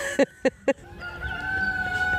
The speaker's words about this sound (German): Und ein Hahn, der kräht. Davon haben wir mehrere.